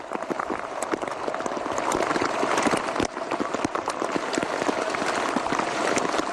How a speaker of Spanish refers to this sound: Se van a dar cuenta, esto que escuchan es un sonido de Eurosport en la transmisión de la etapa, cómo cae el granizo en la carretera francesa.